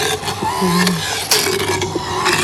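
A dentist's drill motor runs on its own, turned slightly faster, before touching the teeth, with a sustained mechanical whine and humming tones, broken by a few short scraping clicks. No one speaks.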